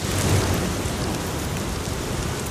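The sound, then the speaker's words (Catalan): Steady, dense rainfall patters across tree leaves in a green wooded area of Palma, a continuous wash of soft crackling, fairly loud, with a low rumbling undertone throughout and no voices. “El so de la pluja caient entre les fulles dels arbres.”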